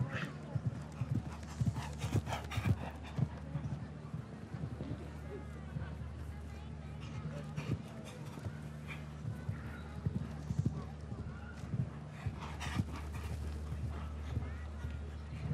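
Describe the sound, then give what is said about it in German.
The horse Garmin, ridden by Swiss rider Schmitz, gallops during a timed competition round, its hooves drumming out a quick, irregular run of sharp thuds throughout, over a steady low hum with voices murmuring underneath. “Die Galoppade ist da.”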